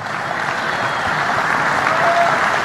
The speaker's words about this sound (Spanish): Mire qué aplauso más a regañadas es. Más de mala gana.